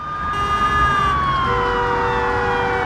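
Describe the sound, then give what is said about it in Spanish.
Police sirens wail loudly and continuously, their pitch sliding downward as several patrol cars in a police chase race at full speed along the emergency lane of a highway in Montreal, Canada, at rush hour, over a steady rumble of halted traffic, with no one speaking. “Varias patrullas van a toda velocidad por el carril de emergencia.”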